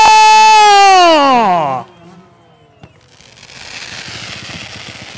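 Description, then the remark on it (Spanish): Daytime fireworks at the AMM motocross event at HMD Fresnillo, set off as the riders begin to say goodbye: a loud, shrill whistle slides downward in pitch, then a single sharp pop, followed by a steady crackling and rattling burst of small explosions. “Así arrancamos y bueno, en lo que empiezan a despedirse los pilotos, apreciamos un poco más de pirotecnia de día.”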